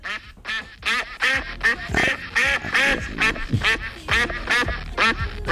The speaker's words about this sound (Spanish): El ganso. Es el día mundial del ganso. ¿Cómo es el sonido del ganso